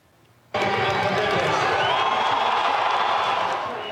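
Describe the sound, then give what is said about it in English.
A big crowd of thousands at a World Cup final watch party on Stephen Avenue in Calgary, watching on a giant screen, erupts into loud, sustained cheering and shouting after a quiet start, a dense roar of many voices that holds steady and dips slightly near the end. “Here at home, thousands of Calgarians packed into Stephen Avenue for a World Cup final watch party. Huge crowds showing up to watch on the giant screen at the city-hosted event.”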